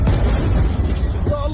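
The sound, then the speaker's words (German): A loud, deep rumbling boom of an explosion at night in the centre of Gaza City rolls on for over a second with heavy low-end roar, and a faint voice briefly surfaces near the end. “Der Schriftsteller schickt zwei Videos, aufgenommen in der Nacht, welche Explosionen im Zentrum von Gaza-Stadt zeigen.”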